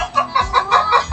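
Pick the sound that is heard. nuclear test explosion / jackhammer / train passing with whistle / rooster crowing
rooster crowing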